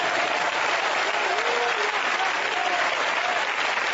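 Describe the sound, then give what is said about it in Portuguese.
An audience at a church service claps for Jesus Christ, a dense continuous wash of many hands applauding at an even loudness for several seconds, with faint voices mixed underneath. “Batam palmas para Jesus Cristo.”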